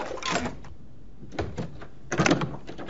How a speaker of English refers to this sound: He fits the key into the lock and twists it. Chuck pulls off the padlock, raises the latch, and pushes open the door.